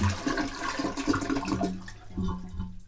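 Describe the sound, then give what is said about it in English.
A toilet flushes with a loud, continuous rush of water and gurgling that tapers into a thinner, bubbling trickle over about three seconds; its float is not going down and the tank is not filling. No one speaks. “The damn float's not going down.”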